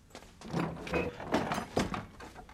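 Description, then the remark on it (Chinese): A door is opened, with a few knocking clunks and rattling scrapes over a couple of seconds as it is worked open. No one speaks. “是我，快开门。”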